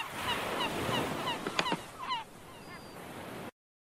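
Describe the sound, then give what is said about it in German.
Seagulls cry out in a brief cluster of harsh, strident calls over a steady rushing background like wind or surf, with a few fainter cries scattered around them. “Auch der Möwe ihr Geschreie befreit ihr keinen, oder doch?”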